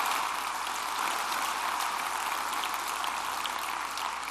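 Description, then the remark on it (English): An audience claps in a sustained round of applause for a student enrollment team, a dense, steady crackle of many hands that holds at an even loudness throughout, with no voices heard. “It will be in the next couple of weeks, but let's give the student enrollment team a big, big round of applause.”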